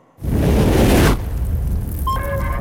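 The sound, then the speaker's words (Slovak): A stormy sea roars as a big wave crashes in loudly, then settles into a steady churning rush of surf, with faint whistling tones near the end. “Počuješ rozbúrené more?”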